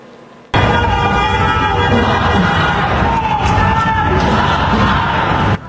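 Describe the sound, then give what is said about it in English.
A large crowd of protesters in Texas, gathered after a man was shot by ICE, shouts and yells together, a dense, loud roar of many voices that starts abruptly and holds steady for several seconds before cutting off. “A large crowd of protesters gathered in Texas last night after a man was shot by ICE.”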